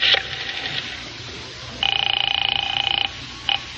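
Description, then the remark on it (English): A telephone is dialed and then rings as a man calls a woman to tell her he has her gloves: a short electronic chirp, a longer rapidly trilling ring of about a second, then another brief chirp, clear over a faint background hum. “Yeah, I better phone her now and let her know I have her gloves.”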